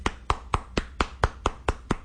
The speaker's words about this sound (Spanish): Te aplauden.